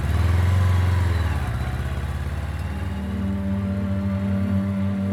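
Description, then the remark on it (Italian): A motorcycle engine runs loud, its harmonic drone dipping briefly then climbing again as it revs and pulls away, steady throughout with no voices, as a rider sets off by motorcycle from Cecina toward Naples on 18 July 1944. “Il 18 luglio del 1944, in motocicletta parte da Cecina verso Napoli.”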